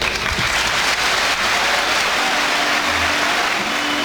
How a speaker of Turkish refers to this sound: Süleyman Seba'nın konuşmasının ardından üyeler kendisini ayakta alkışlarken bazıları gözyaşlarını tutamadı.